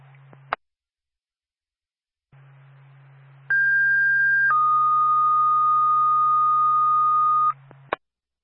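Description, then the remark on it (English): A Sugar Hill Fire Department dispatch alert tone over radio from Twin State dispatch, for a fire alarm activation call: a steady high tone for about a second, then a lower held tone for three seconds, loud over a low hum and framed by squelch clicks. “say to Sugar Hill Fire Department, stand by for a tone.”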